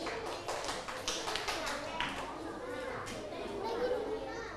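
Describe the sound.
A class of schoolchildren clapping their hands for a classmate who counted and recorded data, in a quick, uneven patter of sharp claps, with a few young voices chattering underneath.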